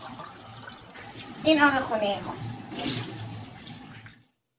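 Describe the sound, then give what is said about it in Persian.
Murky brown tap water runs steadily at a home as dishes are washed, a continuous splashing hiss, with a brief voice speaking over it midway before everything cuts off. “دارم زرف میشورم یعنی.”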